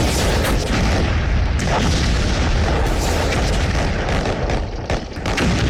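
A dense, continuous roar of explosions and artillery fire, with heavy booms overlapping one another and a deep rumble sustained throughout, loud, with no voices, as Incheon port is bombarded at dawn on September 15 during the US landing on Korea's west coast, supported by aircraft and warship fire.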